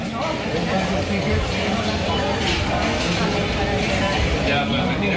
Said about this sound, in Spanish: Mercado de la Concepción en Barcelona.